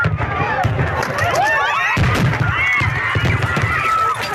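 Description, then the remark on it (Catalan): Repeated booming blasts of a night fireworks display fired from the sea in the Marina Baixa, Valencian Country, loud and dense, with crackling bursts overlapping throughout and crowd noise and voices mixed in beneath. “El castell de focs artificials es disparava des del mar, però una carcassa pirotècnica es va desviar i va anar a parar al públic que es concentrava dissabte a la nit”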